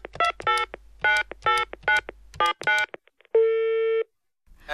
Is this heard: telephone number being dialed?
yes